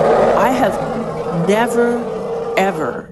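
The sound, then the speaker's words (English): An elephant in musth roars out of the forest in a long, rough, continuous bellow, its pitch swooping upward in three surges. It is loud, and no one talks over it. “I didn't even know that elephants could make this sound.”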